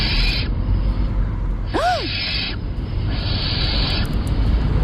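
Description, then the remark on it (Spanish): A barn owl call at night: long, harsh hissing screeches that repeat with short gaps, plus one brief rising-and-falling tonal note in the middle, against a steady background with no talking. “A ver, puede ser un gato, una lechuza común, una culebra ibérica o un mandril.”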